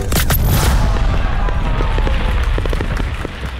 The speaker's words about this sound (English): Careful with those fireworks.